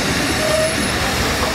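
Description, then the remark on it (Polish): A train rolls along the rails with a steady, dense rumble, a thin metallic wheel squeal rising briefly above it. Loud, continuous throughout, no voices. “Spóźniony pociąg.”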